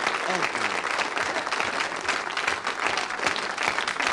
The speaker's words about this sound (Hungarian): Na, na, ne tüntess, csak tapsolj.